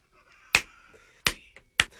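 Three crisp finger snaps land at a steady, unhurried pace, sharp, with only a faint background hum between them and no talking.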